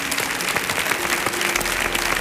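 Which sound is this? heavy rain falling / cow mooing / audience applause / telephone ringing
audience applause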